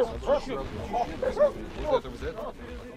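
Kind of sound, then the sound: animal, hunting dogs barking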